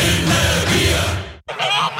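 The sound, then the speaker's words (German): A noisy flock of geese at the Wermsdorfer Gänsemarkt honks loudly and continuously, their overlapping calls forming a dense chorus that breaks off for a split second before resuming. “Neues aus dem Wermsdorfer Gänsemarkt.”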